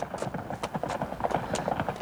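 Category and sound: animal, horses' hooves clip-clopping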